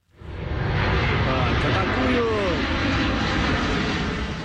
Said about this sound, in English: We know that on Tuesday, a US Air Force transport plane was seen above Moscow. On board was the director of the CIA, John Ratcliffe.